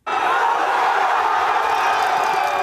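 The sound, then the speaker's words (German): A huge crowd of tens of thousands of football fans in central Madrid cheers and roars without pause as Spain becomes world champion, a dense, loud wall of voices with whoops and shouts rising out of it. “In Spanien kennt der Jubel hingegen kaum eine Grenze.”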